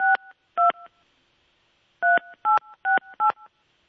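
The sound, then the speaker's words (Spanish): Telephone keypad tones as a number is dialed: two short dual-pitched beeps, a pause, then four more in a quick, even run. Loud and clear, with no voices. “Le vamos a marcar”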